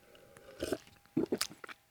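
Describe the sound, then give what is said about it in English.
A loud, exaggerated slurp of coffee right at the mouth, breaking into a few wet, noisy sucking bursts over about a second, with no talking. “Complete with exaggerated radio slurp, of course.”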